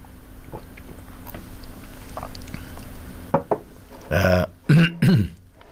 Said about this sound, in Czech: Pardon, já jen si trošku napiju našeho skvělého čaje. Když dlouho nemluvím, tak než se rozmluvím, tak to je potřeba trochu spláchnout.